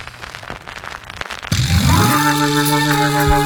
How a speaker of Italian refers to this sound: Un applauso a tutti quelli che sono stati qui, grazie ancora e buon proseguimento di serata a tutti. Grazie, soprattutto un ultimo applauso per Faso.